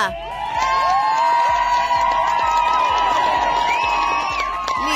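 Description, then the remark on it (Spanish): A crowd cheers and whoops loudly and steadily for several seconds, with high excited voices layered over a dense roar and possible clapping underneath. “¡Ahí te va tu aplauso con bulla!”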